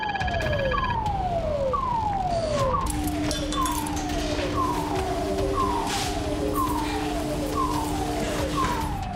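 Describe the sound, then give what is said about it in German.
An airport fire station crash alarm, signalling an assumed aircraft crash, sounds as a loud, repeating falling tone, about once per second, joined partway through by a steady lower drone, over a constant background rumble. “Der Alarm jetzt ist ein Crash-Alarm.”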